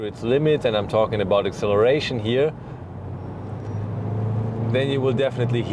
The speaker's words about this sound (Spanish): Lo único que hay que reconocer es que si decides llevar el coche al límite, y me refiero a la aceleración, sin duda lo irás.